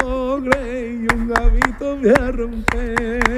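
Flamenco palmas: about eight sharp, crisp hand claps in a syncopated, uneven rhythm, ringing out over a steady low sung or hummed voice that holds its pitch throughout.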